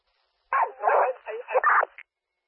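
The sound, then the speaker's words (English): A dog barks in the background of a radio call, a quick run of several yelping barks packed into about a second and a half, fairly loud, then stops, leaving silence. “I can't copy what you're saying because of the dog in the background.”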